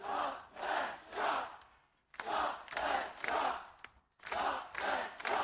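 A large protest crowd of over 2,000 rallying at state parliament in Adelaide's CBD to save trees and oppose the North Adelaide Golf Project chants loudly in unison, shouting in rhythmic bursts of three or four beats, with short pauses between each round of shouting.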